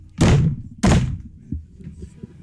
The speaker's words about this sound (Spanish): Compadre, llegué y toqué 3 veces a la puerta de la casa del difunto.